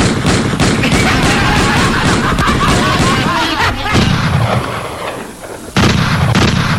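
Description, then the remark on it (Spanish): Rapid bursts of gunfire crackle loudly, shot after shot in a dense barrage, easing briefly near the end before another sharp volley breaks out; shots fired to scare off Patas Negras. “voy tirando balazo para espantar al Patas Negras.”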